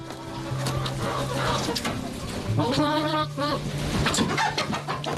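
Hens cluck in a busy, overlapping stream of short calls, with a louder burst of squawking partway through, all over a steady low background hum.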